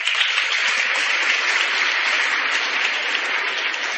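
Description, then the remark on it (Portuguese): An audience at the parish church (Matriz) applauds the festival team steadily for several seconds, a dense, even wash of many hands clapping with no pauses and no voices heard. “Eu tenho aqui a lista, né, que Deus, que conhece o nome de cada um, né, possa agradecer a todos, derramar graças e bênçãos sobre todos, também a eles as nossas palmas.”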